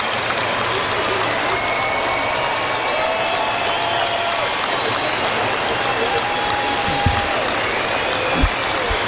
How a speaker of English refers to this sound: So applause ring out around the ground for those no longer with us in a mark of respect. And everyone stands to join the minute's applause.